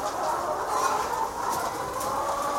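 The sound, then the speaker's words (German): Many chickens in a barn coo and murmur together in a steady, dense chorus, a soft continuous warble that fills the space without pause and with no talking. “Dann gurren die.”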